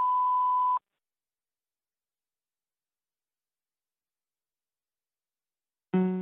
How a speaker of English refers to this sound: Please leave your message after the beep. Then press hash or end the call.